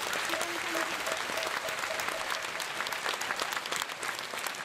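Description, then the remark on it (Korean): Sustained applause from a sizable audience, steady and fairly loud throughout, with faint tonal sounds briefly audible early on beneath the clapping, welcoming Venerable Subong Sangjin, head of the Taego Order of Korean Buddhism, at the 2026 Jeongseon Ullim Hanmadang Yeongsanje and cultural festival in Jeongseon, South Korea. “사부대중께서는 우레와 같은 박수로 맞이해 주시기 바랍니다.”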